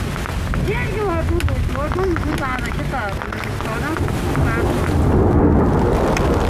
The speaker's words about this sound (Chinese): 下大了，主要是这地儿没地方躲，你知道吗？连躲雨的地方都没有。